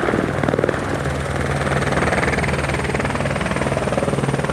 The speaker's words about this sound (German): Ein paar Dutzend Meter weiter oben entwickelt sich aber immer wie mehr Rauch. Der Heli fliegt an und wirft gezielt das Wasser ab.